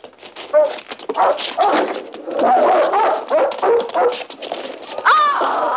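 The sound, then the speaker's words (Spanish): Several dogs bark, yelp and whimper excitedly in a dense, overlapping clamor, loud, continuing without pause for several seconds, with a sharper rising whine near the end. “¡Trae los perros!”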